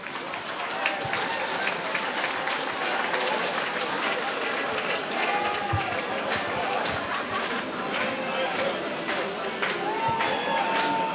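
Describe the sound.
A crowd at Årskogens Folkets Park applauds a nominee steadily for about eleven seconds, a dense, even wash of clapping with scattered sharper claps and faint cheers and voices mixed in.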